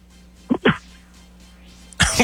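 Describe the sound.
A person imitates a dog's bark with two quick, gruff woofs, then after a short pause lets out a louder, raspier bark that cuts off at the end.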